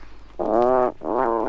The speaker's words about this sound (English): This is the puffin, and on the cover of that record of Birdsong Adventure that we're listening to, recorded and compiled by Patrick Seller and Victor C. Lewis, there are pictures of puffins on the cover, so I always get excited when the puffin comes